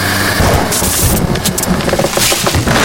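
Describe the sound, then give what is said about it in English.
Heavy rain pours down at Ghost Ranch in a steady, dense hiss, with low rumbling thunder rolling underneath throughout. No voices are heard. “But this week, when I finally get the okay to investigate at Ghost Ranch, it pours.”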